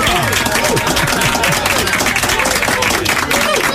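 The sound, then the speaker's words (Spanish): Steady, dense applause from a crowd on the show La Cuarentena, many hands clapping at once with a few scattered voices and cheers mixed in, loud and sustained throughout. “Estupendo, un aplauso para ti.”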